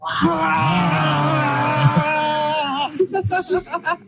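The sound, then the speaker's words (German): A parent and a young child roar together like a bear while the child is given an injection in the thigh: one long, loud, wavering roar lasting about three seconds, then a handful of short, breathy huffs. “Und gemeinsam brüllen wir wie ein Bär.”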